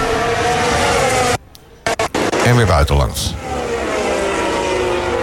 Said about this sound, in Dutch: Om het geluid vanaf de auto van Verstappen.